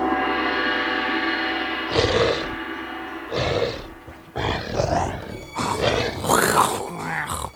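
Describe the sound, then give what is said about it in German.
Rough grunts and snuffling sniffs from candidates spreading through the Drachenburg while searching for lavender blossoms come in uneven bursts, some short and some drawn out, following a steady low humming drone at the start. “Die Kandidaten verteilen sich schnüffelnd und grunzend in der ganzen Drachenburg.”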